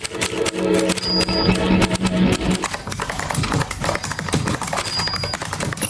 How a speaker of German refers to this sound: Tippen, Tasten, Funken, Radio.